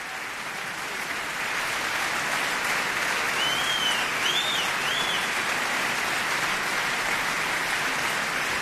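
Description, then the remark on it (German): Dense, sustained applause from a large opera audience at the reopening of the Cologne Opera on Offenbachplatz fills the whole clip, steady and loud, with a few high whistles and whoops of cheering rising above the clapping partway through, celebrating the Gürzenich Orchestra, conductor Andrés Orozco Estrada and singer Alina Wunderlin. “Sie hören das Publikum, da gibt's kein Halten.”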